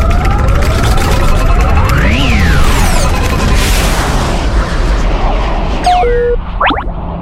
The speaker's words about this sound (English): We're going to crash on the planet! It's okay, I've done this plenty of times before, and I've crashed less than half of those times.